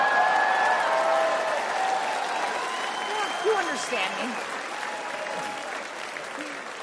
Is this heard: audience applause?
yes